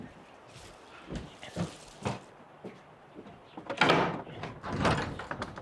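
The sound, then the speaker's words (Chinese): A door is unlatched and opened to let in someone arriving at a home: a few knocks and clicks from the handle, then a longer scraping swing near the end, moderately loud, with no talking. “我去开门，您忙。”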